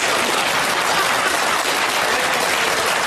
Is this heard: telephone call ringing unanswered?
no